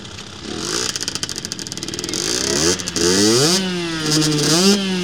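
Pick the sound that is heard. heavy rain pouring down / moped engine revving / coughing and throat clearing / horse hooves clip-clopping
moped engine revving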